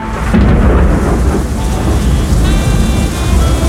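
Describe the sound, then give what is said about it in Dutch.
A thunderstorm heard at 5 a.m. on a Saturday morning rumbles with deep, rolling thunder over a steady wash of heavy rain, loud and continuous throughout, with no voices. “Want ja, het wordt vandaag 29 graden, maar dus wel met een pak regen en onweer.”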